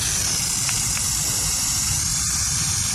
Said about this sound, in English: The hiss of a burrowing owl sounds just like a dangerous rattlesnake, which is a great way to scare off potential predators.